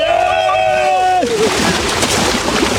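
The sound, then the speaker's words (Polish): A voice whoops loudly, then gives way to a rush of splashing and churning water as people run into the sea at a beach in Málaga, Spain, the splashes continuous for the rest of the moment. “Kto wbiega do wody, lecimy!”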